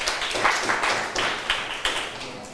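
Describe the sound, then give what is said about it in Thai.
Students in a classroom clap together for a classmate who answered the teacher's question, a dense burst of overlapping handclaps with a few sharper claps standing out, moderately loud, lasting a couple of seconds. “มีใครอยากตอบไหมเอ่ยปรบมือให้เพื่อนหน่อยค่ะ”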